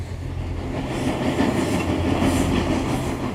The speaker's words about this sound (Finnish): vaan toisenkin kerran, kun hän oli junamatkalla Suvilahteen.